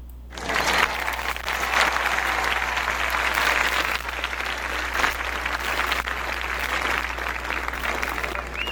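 Sustained audience applause celebrating the start of a Thursday, a dense steady wash of clapping hands that starts abruptly and continues at an even, fairly loud level throughout, with no voices standing out.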